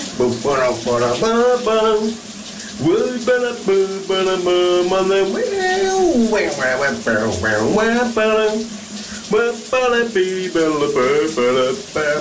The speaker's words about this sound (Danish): Vi skal under bruseren. Hvad synger han her?